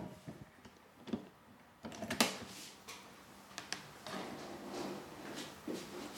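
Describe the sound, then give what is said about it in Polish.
A door is opened and closed at some distance during a recording test, with a few faint clicks and knocks followed by a soft rustling, sliding sound and occasional light taps. No one speaks. “Mianowicie włączę nagrywanie i otworzę i zamknę drzwi.”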